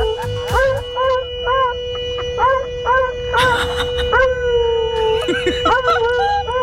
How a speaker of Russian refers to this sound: Вот такая история была в Брянске. Мужчина шел по парковке и увидел, что за рулем сидит собака, натурально нажимает на клаксон и воет.